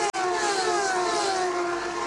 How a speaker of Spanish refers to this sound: Pasará frente a la cabina de campeones. Escuchen, aquí está desde el estudio móvil de campeones el sonido, la cercanía de los autos.